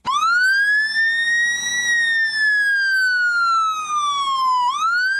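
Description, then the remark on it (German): A loud, shrill emergency vehicle siren from a vehicle in an Eastern European country wails, its piercing tone rising, sliding slowly down, then sweeping back up again, with no voices or other sounds around it. “Klingt wie so eine amerikanische Sirene von so einem Polizeiauto, kommt aber aus einem osteuropäischen Land”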